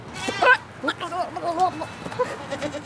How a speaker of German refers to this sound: Neben den Schafen stehen die Ziegen, schwarz-weiß oder braun, mit langen gebogenen Hörnern. Auch einige kleine, Gizzi, wie sie in der Schweiz genannt werden.